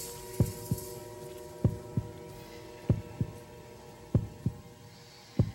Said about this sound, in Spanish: Latidos del murciélago en directo.